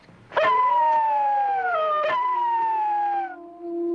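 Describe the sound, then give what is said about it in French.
Several wolves howl together in a sustained, overlapping chorus of long, gliding tones, loud, beside the Jardin des Plantes in Paris, lasting the whole clip before trailing off into a lower single howl. “Eh ben, c'est des loups.”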